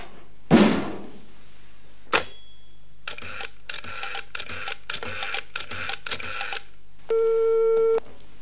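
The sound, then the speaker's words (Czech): A telephone rings in a quick series of harsh, rattling bursts, preceded by a thump and a click, then a steady electronic tone hums for about a second. “Tak před chvílí zvonil telefon, ale nikdo se nehlásil.”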